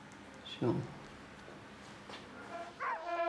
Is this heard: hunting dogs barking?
yes